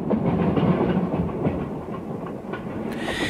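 A train rumbles steadily along the tracks, its wheels clattering in a quick rhythmic clickety-clack, fairly loud with a brief higher hiss near the end.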